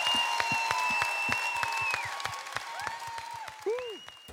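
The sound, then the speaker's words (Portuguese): Audience applause for a song performed by several artists comes as a steady run of sharp, fairly evenly spaced claps, heard over sustained high tones and sliding pitched sounds, moderately loud throughout. “Até palmas, mãe querida, esta bonita música com vários artistas.”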